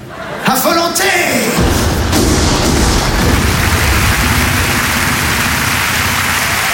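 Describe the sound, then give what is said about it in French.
A loud burst of rifle gunfire, fired on command by a sergeant in dense, marshy terrain, quickly turns into a dense, sustained crackling roar, with a brief voice-like tone at the very start. “La cartouche est dans le chargeur.”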